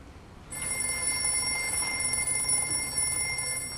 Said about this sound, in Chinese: 第一，那边的电话会响。